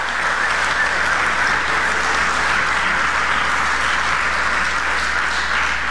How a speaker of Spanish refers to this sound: Den un aplauso al Rey de la Gloria.